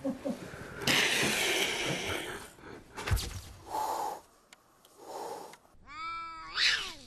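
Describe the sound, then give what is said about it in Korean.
A harsh, sustained cat-like hiss, then short raspy growling bursts, ending in a rising, strained yowl. The aggressive, defensive sounds come alone with no talking. “고양이하고 비슷하게 그 소리를 내는 건 들었거든요.”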